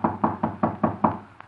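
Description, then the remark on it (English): A quick series of six firm, evenly spaced knocks on a study door, clear, followed after a short pause by one faint final tap. “Shall I knock now?”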